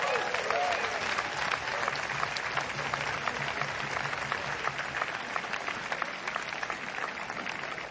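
Sustained applause from an audience, a dense wash of many hands clapping steadily for several seconds with no talking over it.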